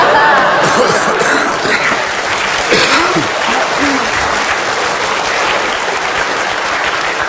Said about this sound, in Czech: Měli 4 potlesky na otevřené scéně.